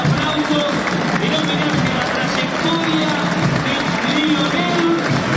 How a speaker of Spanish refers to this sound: Minutos y se para el partido para aplaudir a Lionel Messi, que ha decidido retirarse de la selección argentina. Gracias, capitán, dice la pantalla gigante también en el estadio de Vélez.